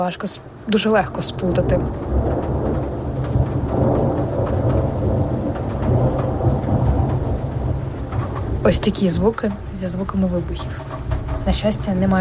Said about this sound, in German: Hier in Kiew ist das erste Maigewitter. Früher mochte ich das sehr, aber jetzt habe ich mehr Angst als früher. Es blitzt, gleich donnert es.